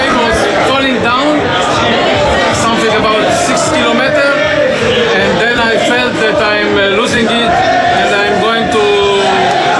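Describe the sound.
A large crowd at Ben Gurion Airport cheers and chatters loudly and continuously, greeting arriving plane passengers, many voices overlapping into a dense, excited hubbub with occasional raised shouts.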